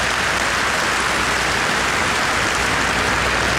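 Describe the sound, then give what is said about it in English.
A crowd applauds steadily for several seconds, a dense, even wash of many hands clapping at constant loudness, with no voices on top, clapping for Andrew Rosendale, a Reform UK MP. “And we've also got the brilliant Andrew Rosendale, who is, yeah, you can give him a clap, he's a great man.”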